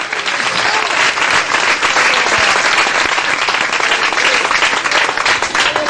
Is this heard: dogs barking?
no